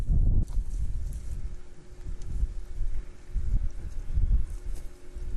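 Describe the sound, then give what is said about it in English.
A startled horse, at the start of its training by nomads in the grasslands, stamps and leaps about, its hooves landing in heavy, irregular thuds over a steady rumble of wind. No one speaks. “The horse leaps about, alarmed.”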